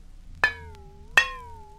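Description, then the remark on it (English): A dish is struck twice, about three-quarters of a second apart, each sharp tap leaving a clear ringing tone that lingers and slowly fades. Fairly loud, with no talking. “Number 4 was a dish.”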